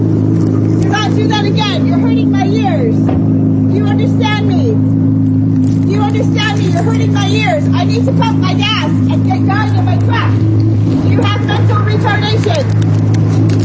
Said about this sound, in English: He started his car. And as you heard, the hum of the Corvette Z06, the roar of that Z06 engine.